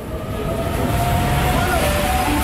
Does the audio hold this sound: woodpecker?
no